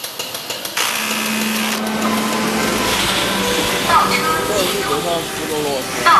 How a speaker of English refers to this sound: Chinese factories echo with a rhythm created by both man and machine. There are even robots to transport goods around the building, and they don't stop talking.